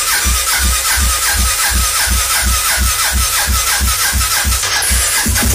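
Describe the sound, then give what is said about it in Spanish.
A motorcycle engine cranks and sputters without catching, a loud, steady chugging rhythm of about two beats per second that continues throughout, with a harsh, raspy mechanical texture and no voices. “Sí, no prendí, hombre.”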